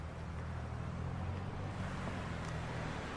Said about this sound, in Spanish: Jackie avanza un poco para ver cómo se aleja el auto de la casa.